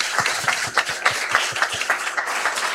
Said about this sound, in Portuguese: Ao nosso bispo, a nossa gratidão com uma calorosa salva de palmas.